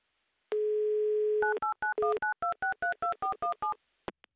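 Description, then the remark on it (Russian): A steady dial tone hums for about a second, then a quick run of roughly a dozen beeping touch-tone keypresses in uneven rhythm as a phone number is dialed, ending with a faint click. “Да, звоним Дмитрию, делаем это прямо сейчас.”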